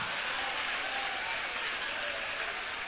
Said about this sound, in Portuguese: Vai aplaudindo, vai adorando, vai exaltando, vai glorificando. Oh, glória!